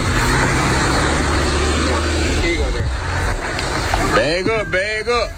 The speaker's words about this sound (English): You got two cars coming two different ways.